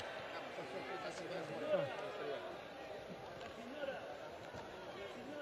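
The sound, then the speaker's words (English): A large crowd cheers and shouts "Viva il Papa" and chants the Pope's name as he greets people from his Popemobile, many voices overlapping into a dense, steady roar, with a couple of brief louder swells rising above the din. “The Pope is still greeting people on his Popemobile, and we can hear a lot of people cheering, Viva il Papa, Long Live the Pope, and chanting his name multiple times.”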